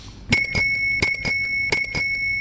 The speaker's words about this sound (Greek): Όποτε ακούτε εδώ πέρα το ειδικό κορνάκι του ποδηλάτου, AKA αυτό εδώ τον ειδικό ήχο, τον οποίο όταν το ακούσα από πίσω σου, κάνεις μια στην άκρη, μη σε πάτησε ο ποδηλάτης.